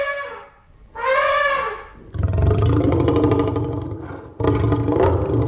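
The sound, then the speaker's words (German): The T-Rex roar from the film Jurassic Park, combined from elephant and lion sounds: a shrill trumpeting squeal opens, then deep, rumbling growls swell loud, ending in another rasping bellow. No speech. “Ich weiß zum Beispiel, dass es bei dem T-Rex in Jurassic Park Laute von Elefanten und von Löwen sind, die irgendwie kombiniert worden sind.”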